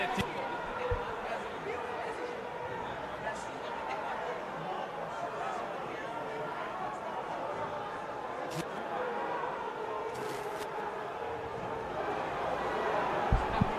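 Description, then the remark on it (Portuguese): A large stadium crowd at the Ilha do Retiro boos coach Márcio Goiano in a sustained, dense roar that holds steady for about fourteen seconds, swelling slightly louder toward the end, with scattered shouts and chatter mixed in. “Agora recebe vaia. Bora ouvir aqui, Perota.”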